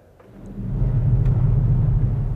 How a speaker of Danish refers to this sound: Der er simpelthen en stor pedal over pedaltangenterne. Der sidder en stor pedal. Når jeg træder på den, så træder jeg på alle de 12 nederste tangenter på én gang. Og det kan være et meget, meget, meget diskret og fjernt uvær.